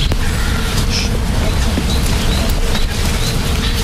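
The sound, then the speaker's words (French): A steady, dense drone of many bees buzzing together in the trees fills the whole clip at an even level, with a few faint bird chirps above it. “Ben ça, ce sont les abeilles, hein, qui sont dans les arbres là.”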